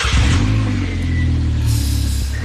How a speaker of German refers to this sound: Mama sagt, ich darf keinen Motorradführerschein machen, weil das sehr gefährlich ist, Motorrad zu fahren. Dabei ist das Geräusch schon gut, ne?